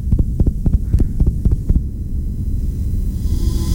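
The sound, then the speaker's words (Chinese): A fast, pounding heartbeat of a nurse who has been yelled at, threatened and grabbed thumps rapidly for about two seconds, loud, then stops and leaves only a low, steady rumbling hum; part of a WorkSafe Victoria message. “这是一位护士被大声吼叫，威胁，甚至被抓住之后的心跳声”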